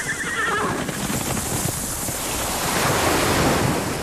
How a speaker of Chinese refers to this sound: 大海